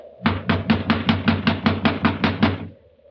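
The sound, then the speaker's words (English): Rapid, steady knocking on a locked door to wake a man inside, about a dozen loud thuds in quick even succession, then stopping abruptly. No one speaks. “You just have to keep knocking till he wakes up.”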